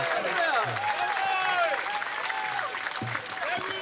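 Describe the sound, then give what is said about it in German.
An audience applauds the act Aftercooking steadily for the whole few seconds, a dense wash of clapping with scattered whoops and cheering voices rising and falling over it. “Applaus für Aftercooking”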